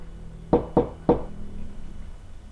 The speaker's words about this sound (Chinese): 我先挂了，有人敲门。